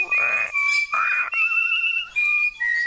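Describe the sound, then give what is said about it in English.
A bird whistles a tune in clear, sustained tones, moving between a high and a lower pitch across several phrases separated by brief pauses, fairly loud with no talking. “Listen to the bird.”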